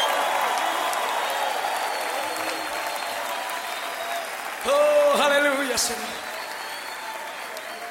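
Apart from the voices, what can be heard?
audience applauding and cheering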